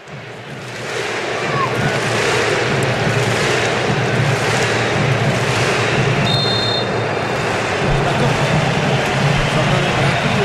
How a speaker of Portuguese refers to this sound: e esse frisson ao fundo aí, ó, é da torcida do Marrocos, vamos ouvir um pouquinho.